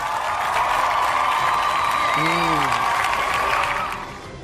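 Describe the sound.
An audience applauds steadily for about four seconds, a dense, even wash of clapping with a brief voice cheering out partway through, before the applause fades away.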